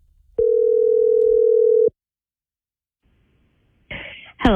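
A single steady, loud telephone tone holds for about a second and a half as a phone call is placed, then cuts off into silence before a voice briefly speaks near the end.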